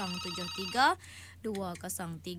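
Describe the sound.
A telephone rings on an outgoing call, a short burst of bright, warbling electronic tones, then falls quiet before a voice starts speaking over a steady low hum.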